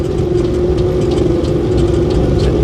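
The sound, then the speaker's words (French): A small propeller airplane passing over the mountains under a blue sky drones steadily, its engine giving a continuous low rumble with a constant humming tone on top, holding an even loudness throughout with no voices. “Ah, un petit avion qui est passé là-bas.”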